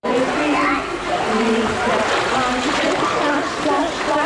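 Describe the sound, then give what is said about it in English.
Busy, echoing ambience of an indoor swimming pool in Plymouth: steady splashing and sloshing water fill the space while children's voices call and chatter throughout, loud with a reverberant wash behind. “Here at this pool in Plymouth, they're starting early.”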